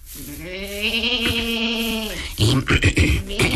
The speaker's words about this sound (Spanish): Ya sé. La cabra.